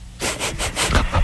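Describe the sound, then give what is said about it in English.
Heavy, rasping breathing from a man asleep on a phone call, a coarse, saw-like rattle in several quick pulses, fairly loud, with no talking. “he breathes like he's trying to start a car.”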